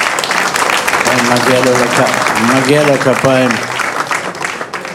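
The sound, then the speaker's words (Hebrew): Loud, steady audience applause for a guest who came from New York fills the whole five seconds, dense and crackling, with voices calling out and cheering over it before the clapping thins slightly at the end. “מגיע לו כפיים, באמת.”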